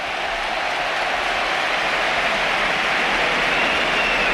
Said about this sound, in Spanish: José Antonio Morante, 19 años, debuta en el costado izquierdo del Betis. Ahí está la ovación.